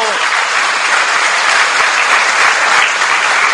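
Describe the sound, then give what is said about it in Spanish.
A crowd claps steadily for several seconds, applauding the catechists, a dense, loud wash of applause that holds even throughout with no voices standing out. “¡Démosles un aplauso!”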